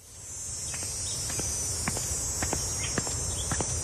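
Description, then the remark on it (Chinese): Cicadas drone continuously in a loud, high-pitched midsummer buzz in June that fills the whole recording, with occasional light taps and clicks, like footsteps, underneath. “蝉鸣漫过6月的盛夏”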